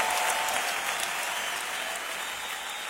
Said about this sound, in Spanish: aplauso al Señor fuerte. Aleluya.